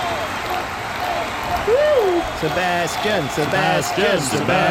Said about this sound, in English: Thanks, everybody, for the cheer.